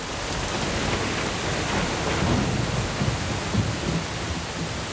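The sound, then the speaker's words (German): Heavy thunderstorm rain pours down over fields in the Danube valley near the Balkan Mountains in a dense, unbroken roar, loud, with a faint low rumble underneath and no voices. “Dann bricht das Unwetter herein.”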